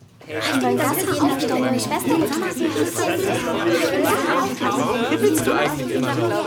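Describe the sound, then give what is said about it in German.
A classroom of pupils chatting all at once at normal class volume while the loudness is being measured, a steady overlapping babble of many young voices at an even, moderate level with occasional laughs, no single voice standing out. “Und jetzt die normale Klassenlautstärke, zum Beispiel, wenn ihr euch unterhaltet.”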